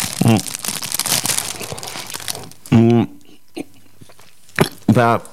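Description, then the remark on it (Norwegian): Crinkling wrapper and chewing noises fill the first few seconds as a person takes a small bite of food. Short voiced bursts from the person follow, with a brief crackle in between. “Nei, det er greit at jeg bare tar en liten bit, så kan vi godt fortsette.”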